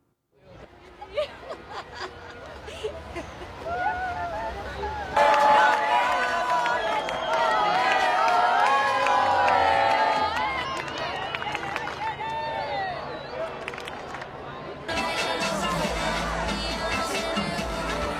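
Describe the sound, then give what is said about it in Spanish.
A large crowd in Spain roars and cheers nonstop, welcoming the Spanish national team after it won the 2026 World Cup against Argentina, a dense wall of voices with whistles or horns piercing through, swelling louder partway in and staying intense to the end. “Vibrante España recibiendo a su selección nacional después de haber ganado el Campeonato del Mundo 2026 frente a Argentina”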